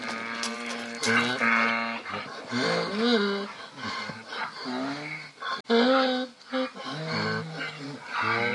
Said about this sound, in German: Aber die wirklichen Esel, die das Vorbild sind, die, so muss man wohl sagen, schreien weder Dur noch Moll. Das Iahen der Esel klingt für uns auf jeden Fall immer musikalisch.